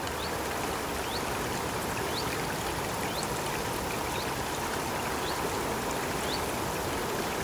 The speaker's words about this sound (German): Dieser mitteleuropäische Urwald, der steht in Bayern. Dieser plätschernde, zwitschernde Natursound, der kommt aus dem Bayerischen Wald.